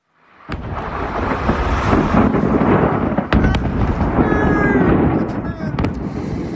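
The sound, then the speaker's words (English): A massive explosion at a fireworks factory in northern Malta: a loud, continuous roaring rumble punctuated by several sharp bangs and crackling pops, as fireworks detonate chaotically. “Before we go, a huge explosion at a fireworks factory, of all places.”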